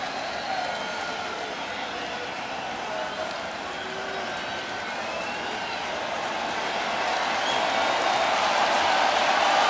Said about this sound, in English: Crowd getting into it.